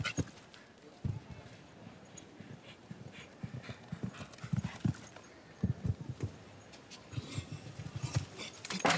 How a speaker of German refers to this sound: Ja, hier wurde es eindeutig zu weit. Das Pferd brach die Vorwärtstendenz im Galopp ab nach der mittleren Passage der Dreifachen. Dann war dieser Ochserfehler am Aussprung eigentlich schon programmiert.